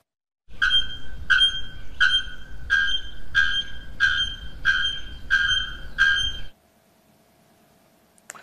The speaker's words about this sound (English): Two Brazilian contenders for the title of world's loudest bird. First, a rare-throated bellbird with a call like the blast of a distress signal.